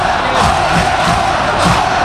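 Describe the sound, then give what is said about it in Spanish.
The Leganés crowd at Butarque stadium roars continuously during a football match as Lalo celebrates winning a corner, a loud, dense wall of voices with swelling cheers and shouts rising in waves, no single voice standing out. “Tremendo el sonido de Butarque, el rugido de los 11 leones.”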